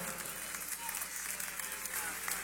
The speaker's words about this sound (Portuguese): Vamos recebê-la, ai, ai, ai, com aplauso bem forte para Jesus